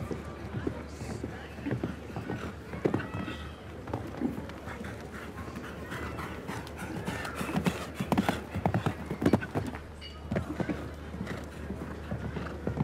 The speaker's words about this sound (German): Lässt so ein bisschen mehr Gleichmäßigkeit, Ruhe im Galopp, weil das Pferd auch noch nicht allzu viel Erfahrung hat, diesem Level eben und besonders in einem Stechen.